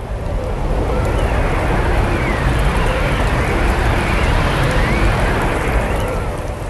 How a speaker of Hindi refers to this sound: साए आंधी चलने लगी।